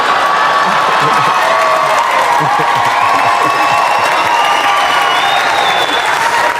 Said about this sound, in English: Snoop Dogg is, of course, here. Hilarious. Round of applause for Snoop. Come on, that was hilarious.